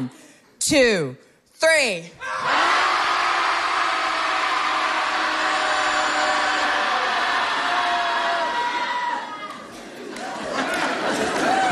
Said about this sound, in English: So when I'll say 1, 2, 3, and then we'll all just let it out. Does that sound good? Yeah? All right. Everybody at home listening, hopefully you're shouting too. Here we go. Shouting Society commences.